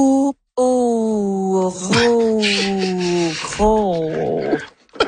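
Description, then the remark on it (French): A person imitates a bull moose's grunting call: a long, low, hoarse, drawn-out voiced moan like a grunt or bellow that wavers in pitch, loud, with a brief pause near the start. “Pour le mâle, c'est un appel plus grave, rauque, un peu comme un grognement ou un beuglement.”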